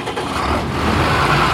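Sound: tractor engine running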